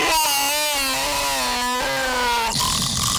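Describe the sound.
A person imitates a lion's roar with a loud, sustained, raspy growl that holds for about two and a half seconds, slowly dropping in pitch, then cuts off into a brief hiss.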